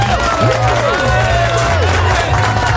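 A loud, steady wash of crowd applause and cheering fills the whole stretch, dense clapping with voices calling out over a low rumble.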